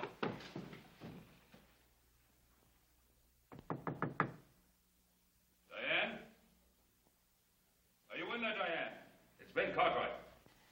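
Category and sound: household object, knocking on a door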